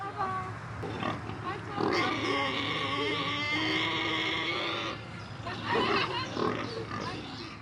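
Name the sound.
pigs grunting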